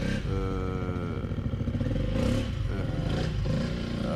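A motor engine runs loudly and continuously, its steady rumble shifting pitch as it revs, with some clattering mixed in, and no voices.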